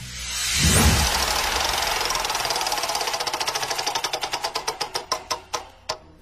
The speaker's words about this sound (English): All right, so let's spin the wheel and check out which question we'll be landing on next.